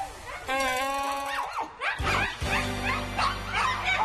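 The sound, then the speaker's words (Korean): A dog in a village barks repeatedly in a steady, loud series of sharp, high-pitched yaps, with a low continuous rumble underneath and no talking. “개 짖는 소리에 온 동네가 떠들썩합니다.”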